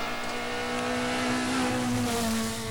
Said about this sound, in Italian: Si stanno iniziando ad arrivare le vetture qui al parco assistenza, c'è stato un momento di pausa, invece adesso stanno rientrando.